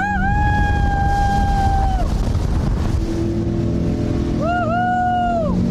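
A powerful 350-horsepower V8 engine, mounted at the rear, roars loudly and steadily throughout during a filming session, while a high, sustained squealing whine rises over it twice, once at the start and again near the end. No voices.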